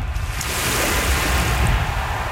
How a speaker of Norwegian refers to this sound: Bølgeskvulp og krystallklart vann ved Adriaterhavet, Kroatia. Veldig populært ferieland for nordmenn.